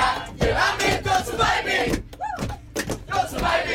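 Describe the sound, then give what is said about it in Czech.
A crowd in the Prague metro sings loudly together over live guitars and violins, a dense wash of many voices holding sustained notes, with brief dips between phrases and a swell of cheering near the end. “A je to hezký, protože lidi zpívají s nima,”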